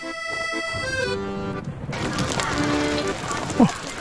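After a few seconds of sustained musical tones, a steady hiss of rain takes over, falling evenly at moderate volume during a Young Pioneers induction ceremony at a primary school in Suzhou, China, in 1980, with a brief louder squeak near the end.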